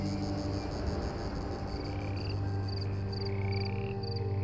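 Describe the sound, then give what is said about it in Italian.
A cicada sings in a steady, dense buzz, with short pulsing bursts repeating rhythmically over it. The sound is fairly loud and continuous, with no voices. “Ha una delle voci più famose del Mediterraneo.”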